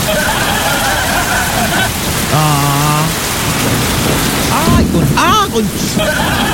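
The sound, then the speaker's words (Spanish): Heavy rain pours in a dense, steady roar with a low rumbling undertone of thunder throughout, while a few brief tonal, voice-like calls rise above it midway. “Ah, sí, hubo trueno y relámpago.”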